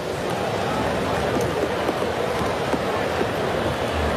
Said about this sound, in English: And Cleveland has a runner at second base with nobody out, leading 1-0 here in the third, and the rain starts to fall.